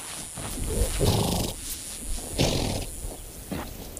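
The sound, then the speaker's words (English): Wild mustang horses snort and nicker in a few loud, breathy bursts as bands of them converge on one of the last remaining waterholes. A steady hiss of outdoor background continues, with no talking. “Bands of wild horses, Mustang, are converging on one of the last remaining waterholes around.”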